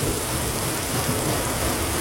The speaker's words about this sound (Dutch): Dit is denk ik de makkelijkste. Met regen en ook zeker onweer.